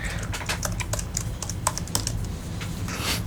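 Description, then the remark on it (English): Rapid, irregular clicking of keys on a computer keyboard, steady over a low background hum with no one talking. “No, I'm typing.”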